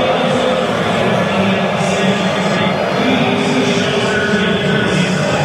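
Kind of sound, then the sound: crowd, stadium crowd whistling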